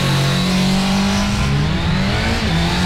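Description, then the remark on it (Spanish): A 200cc motorcycle engine revs loudly, its droning pitch rising and dipping over a few seconds with no voices present. “De. 200 cilindraje. Para cambiarle la moto”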